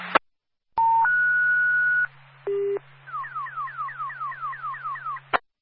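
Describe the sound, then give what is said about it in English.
A dispatch alert retone over an ambulance dispatch radio channel, sounded for an additional call: a click, two rising steady tones, a short low beep, then about ten rapid descending warble chirps over a faint hum, ending with another click. “That's some additional retone for additional call.”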